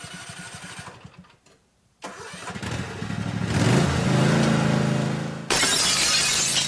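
A lawnmower engine sputters to life after a brief pause, then revs up into a loud, steady roar, ending abruptly in a burst of shattering car side-window glass.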